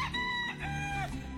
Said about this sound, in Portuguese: Ah, mas eu adoro ouvir o galo cantando logo de manhãzinha.